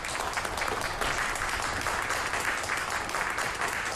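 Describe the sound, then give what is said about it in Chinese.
Steady, dense applause from a group of people in a meeting room at a city government review meeting, many hands clapping together in a continuous even wash of sound for the full four seconds, with no voices standing out. “哎哎哎，不要鼓掌，不要鼓掌了。”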